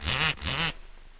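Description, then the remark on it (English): A parrot squawks twice in quick succession, loud, each harsh nasal call sounding much like a duck's quack, followed by quiet. No one speaks. “Who taught that parrot to do that?”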